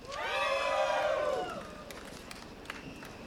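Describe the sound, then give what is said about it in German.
A festival crowd at Festival am Gleis cheers and whoops loudly in a dense burst of many voices for about a second and a half as the moderation team hypes them up, then fades into a low murmur with a few scattered claps. “Das Modi-Team vom Festival am Gleis hat gerade Crowd animiert, zum vorzukommen.”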